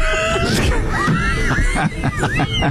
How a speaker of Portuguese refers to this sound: Ah, entendi os gritos.